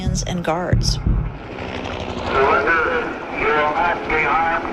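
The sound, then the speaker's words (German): A steady low mechanical drone of a helicopter fills the background while an amplified loudspeaker voice speaks over it in repeated bursts, telling people to surrender with raised hands, during a police assault on a prison. “Und alles, was man währenddessen hört, ist ein Hubschrauber und eine Lautsprecherdurchsage, die immer wieder verkündet: Ergeben Sie sich mit erhobenen Händen, dann wird Ihnen nichts geschehen.”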